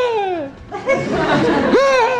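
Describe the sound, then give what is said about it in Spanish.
A voice imitating a well-known stock movie scream, reused in film sound mixes since the 20th century: a loud yelp sliding downward, a rough, strained burst, then a second wailing cry that rises and falls, with no speech around it. “Que es un grito que hace algo así como...”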